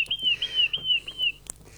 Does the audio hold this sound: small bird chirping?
yes